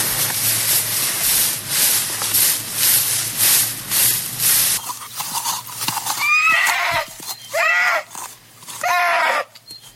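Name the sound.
horse neighing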